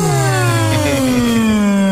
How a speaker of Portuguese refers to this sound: Eu não bocejo assim tão baixinho. Eu bocejo deste tamanho alto.